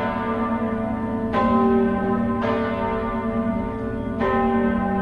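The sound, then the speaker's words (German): The bells of the collegiate church St. Leodigar im Hof in Lucerne pealing in a full, continuous ring, with fresh strikes about every second or so over a sustained humming resonance. Loud, no voices. “das Glockengeläut der Stiftskirche St. Leodigar im Hof in Luzern.”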